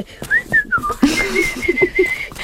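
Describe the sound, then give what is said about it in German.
A person whistles imitations of forest bird calls to make a forest atmosphere: gliding, warbling tones followed by a long steady whistle over a few soft chirpy pulses, fairly loud, with no talking. “Ich glaube, wir brauchen ein bisschen Waldatmo. Ich mache mal ein paar Vögel.”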